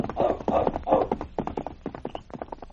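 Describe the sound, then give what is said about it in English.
The hooves of a saddled horse named Blackie clatter in a quick, steady clip-clop rhythm as it is ridden off, the beats growing slightly fainter as the animal moves away. “Hastily pulling on his boots and tunic, the sergeant saddled his horse.”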